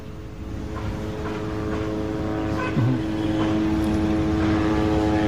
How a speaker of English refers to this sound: Let me just point out that the drones are still hovering in the area, covering the western part of Gaza City and toward the side where the residential building was attacked earlier this morning